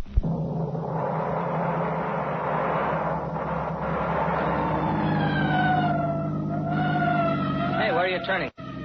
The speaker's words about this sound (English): Well, why the siren? The only traffic out here is on horseback.